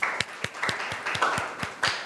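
A group of students clapping together, a quick run of sharp, loosely rhythmic claps over about two seconds at moderate loudness, with no one speaking.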